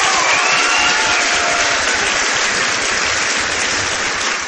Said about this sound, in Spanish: Fortísimo aplauso, por favor.